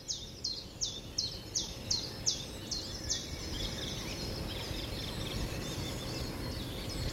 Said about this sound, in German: Aber da fängt der Vogel eben mal früher an, morgens zu singen und dann wieder ein anderer.